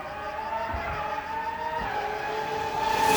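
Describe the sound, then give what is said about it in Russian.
Go-kart engines whine steadily at high pitch with tire squeal mixed in on a new two-story go-kart track, the racing noise loud and swelling stronger near the end. “Встречайте! Новый двухэтажный картинг «Сенна».”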